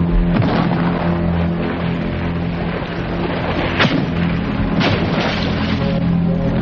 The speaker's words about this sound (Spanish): Don Julián se va a llevar un buen susto cuando reciba su salva de 23 cañonazos de verdad.